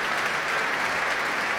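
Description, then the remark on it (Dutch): A large audience in Amsterdam applauds steadily for pianist Yefim Bronfman and conductor Elim Chan as they walk to the stage with the Concertgebouw Orchestra: a dense, even wash of many hands clapping at a constant loudness with no voices standing out, as in a concert hall. “En daar klinkt het applaus voor Jefim Bronfman.”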